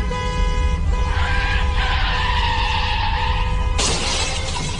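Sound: car skidding and crashing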